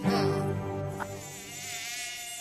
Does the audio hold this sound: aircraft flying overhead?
no